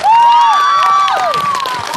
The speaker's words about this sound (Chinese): 接下来有请郭品超带来他的分享，掌声有请超哥。